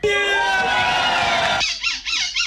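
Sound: people imitating seagull calls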